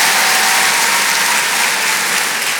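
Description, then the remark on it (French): A crowd at a comedy show broadcast on Rire et Chanson applauding loudly and steadily, a dense wash of many hands clapping at once, with no one speaking over it. “Merci, merci, mais vous savez, ça devrait tellement être normal, faudrait même pas les applaudir, ces filles.”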